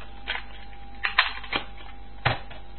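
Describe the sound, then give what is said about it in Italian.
Plastic cassette tapes being handled, including a black cassette inside a plastic bag: a few sharp clacks and light rattles, spaced irregularly over a quiet background, with no voices. “Ora c'ho qua una cassetta nera dentro una busta di plastica.”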